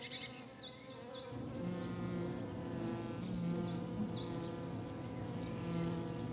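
A dense, steady hum of a bee colony crowded inside a woodpecker hole in an old oak tree in Germany drones continuously, its layered buzzing unbroken throughout, while a few high bird chirps sound faintly above it.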